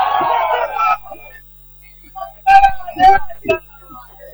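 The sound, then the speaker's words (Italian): Short, sharp whistles ring out in three quick bursts from an Ancona football player on the pitch, following a stretch of muffled voices and stadium murmur. “Richiamo verbale, un giocatore dell'Ancona ha fischiato che quella aveva già Martiniello.”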